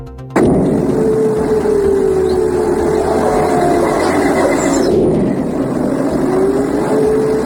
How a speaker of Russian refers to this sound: Вы слышите эти взрывы? Вот такое вот у нас сегодня доброе утро.